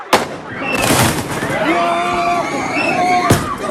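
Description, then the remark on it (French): Two sharp firework or firecracker bangs, one at the start and one near the end, at a high school students' protest in front of the Lycée Roosevelt in Reims, France, cut through a loud, agitated crowd of shouting voices with shrill, whistle-like cries. “Au jet de feux d'artifice et de pétards, les policiers ont répondu avec du gaz lacrymogène.”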